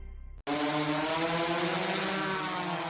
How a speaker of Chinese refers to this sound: 爷爷，您抬头看。 哦，无人机在栽树呢。